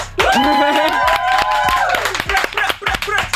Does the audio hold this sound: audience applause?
yes